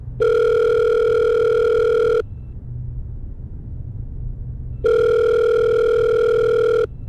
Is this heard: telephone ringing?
yes